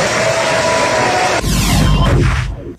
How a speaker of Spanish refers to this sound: La onda es que todos aplaudieron.